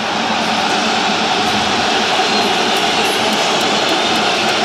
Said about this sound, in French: Et on entend quand même les sifflets des supporters d'Arsenal. Ils sont moins organisés là, sur les champs, mais ils sont là quand même. Les supporters d'Arsenal.